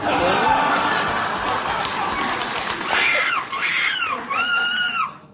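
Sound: person imitating seagull screeching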